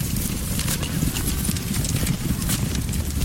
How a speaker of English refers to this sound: use a herd dog named Kippy to shuttle the goats to the new pasture